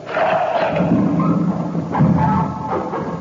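A lever is pulled on a mechanism, producing a steady grinding, whirring mechanical drone with a low hum and a heavier clunk about two-thirds through. No voices are heard.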